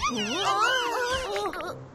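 Several cats in a street meow and yowl, their high, wavering cries overlapping in a continuous, loud tangle for about two seconds, with no talking.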